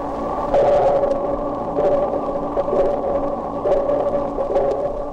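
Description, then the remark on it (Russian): Dolphin echolocation recording slowed down 32 times: echoes reflecting from underwater objects, stretched into a steady, droning underwater hum with soft pulses recurring about once a second, fairly loud and continuous, with no voices. “Вы слышите эхо, отражающееся от подводных предметов. Эхо и рассказывает животным, что происходит вокруг них.”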